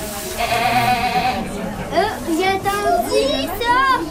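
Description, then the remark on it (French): Goats bleat repeatedly in wavering, quavering cries that overlap one another, fairly loud, with faint background chatter from visitors nearby. “Je suis venue voir les chèvres. J'aime les chèvres parce qu'ils sont vraiment trop mignons.”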